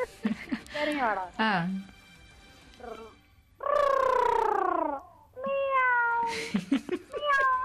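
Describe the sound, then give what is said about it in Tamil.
A person imitates a cat, producing several drawn-out, wavering meows one after another, fairly loud, with short gaps between them. “அதுக்கப்புறம் பூனை கத்தணும், சரிங்களா?”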